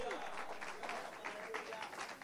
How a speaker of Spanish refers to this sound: Denle ese aplauso fuerte a Cristo en esta hora.